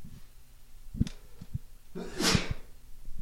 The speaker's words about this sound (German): Jetzt muss ich erstmal niesen, Entschuldigung.